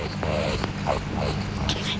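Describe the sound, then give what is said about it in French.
A rakali (Australian water rat) on a riverbank growls in short, throaty bursts with squeaky rising whines, over a steady low rumble of background noise. “Oh zut, le grognement d'un racané.”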